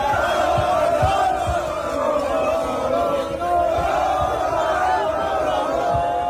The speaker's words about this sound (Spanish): Miles de aficionados salieron a las calles con banderas, cánticos y con bocinas para festejar el pase de la selección a la final.